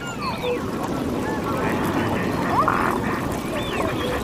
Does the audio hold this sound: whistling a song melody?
no